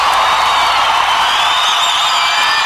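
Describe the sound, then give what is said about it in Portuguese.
A large crowd applauds and cheers loudly and continuously for the Holy Spirit of God, with scattered whoops rising above a dense wash of clapping that fills the whole space. “Aplauda o Espírito Santo de Deus.”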